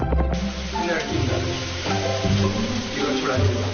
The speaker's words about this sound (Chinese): 炸好的鳝鱼放入锅中，小火慢煨